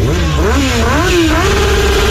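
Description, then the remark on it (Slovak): A motorcycle engine revs up and down, its pitch rising and falling in waves before settling into a steady, loud drone. “Tento zvuk je známy z našich ciest, na ktorých sa pohybujú tisíce motorkárov.”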